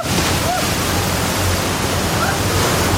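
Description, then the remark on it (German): Loud, steady rushing water of an artificial blue surf wave roars without a break, a dense churning wash like a torrent pouring through a channel, continuous across the whole stretch; the water is only about 20 centimetres deep. “Die Fluten sind reißend. Es ist wirklich, als würde ich in einem Orkan stehen, mitten in einem sehr, sehr tiefen Wasserfall.”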